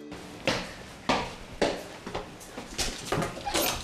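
A home's door being opened, with a series of sharp clunks and rattles at irregular intervals, moderately loud, with faint background noise between the knocks.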